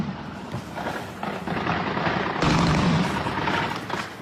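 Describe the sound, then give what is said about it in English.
Anti-aircraft fire rumbles over a dense, roaring background, with sharp bursts and a louder surge of booming shots midway, as Russian air defenses fire at incoming Ukrainian drones in Crimea. “Russian air defense is trying to shoot down Ukrainian drones in Crimea.”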